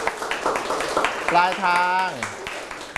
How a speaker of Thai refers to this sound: จบแล้วปรบมือให้เพื่อน